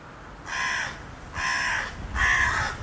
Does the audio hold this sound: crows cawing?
yes